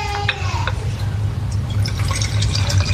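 Water pours steadily into an empty container, a continuous splashing, gurgling stream with a low rumble and scattered bright drips, fairly loud throughout.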